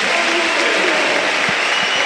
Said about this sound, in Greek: Ο Μακιντάιρ φέρνει το πρώτο θερμό χειροκρότημα των φίλων του Ολυμπιακού.